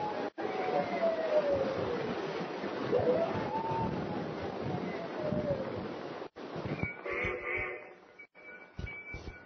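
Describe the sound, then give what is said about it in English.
A long, wavering howl from a wolf or dog rises and falls over a steady rush of wind-like noise, followed by a few fainter tonal cries near the end. “Funny thing about wolves and dogs, they know when something happens. Listen to that one, Paul.”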